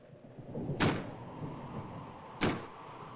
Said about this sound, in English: That's just the wind banging a door. Pay no attention to it.